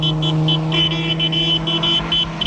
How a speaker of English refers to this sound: They notice a car passing with people waving to the newlyweds.